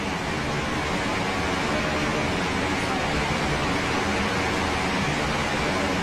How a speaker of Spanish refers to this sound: ese micro, si yo dejo de hablar ahora, dejo, no hablo, tú no decís nada, dejamos nada más que la lluvia.